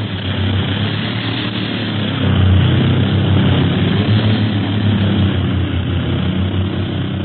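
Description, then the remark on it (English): A propeller airplane engine drones steadily in flight in windy weather, a loud, continuous low hum with a broad rushing noise that swells slightly partway through, with no voices. “If I get too low, a downdraft is apt to drape us over those battlements ahead.”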